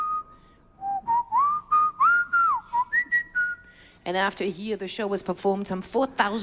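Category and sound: human body sound, whistling an opera tune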